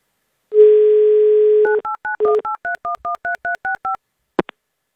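A steady dial tone hums for about a second, then a quick run of about eleven short, evenly spaced beeping keypad tones as a number is dialed, ending with a brief click.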